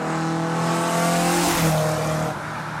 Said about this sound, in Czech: Známe to, myslím, velmi dobře třeba ze zvuku při rychlých průjezdech aut, při automobilových závodech. Tam se ten zvuk taky mění podle toho, jestli to auto jede k nám nebo od nás.